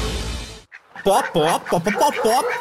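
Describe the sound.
A burst of hissy noise gives way to a string of quick, bouncy, cartoonish clucks, loud, like a voice playfully imitating a hen, from an ad for the Galinha Pintadinha film.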